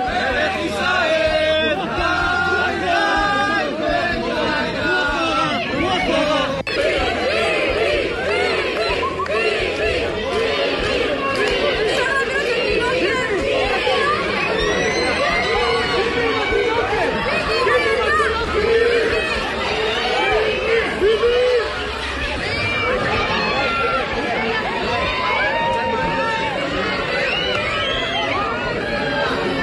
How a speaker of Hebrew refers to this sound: אלו הקולות משם, מתוך הקניון באור יהודה. רק נתאר לכם את מה ששמעתם, צעקות של המונים המונים שרק רוצים להצטלם איתו. אחד, כמו שהצלחתם לשמוע ככה ברקע, אומר עם התינוקת, עם התינוקת.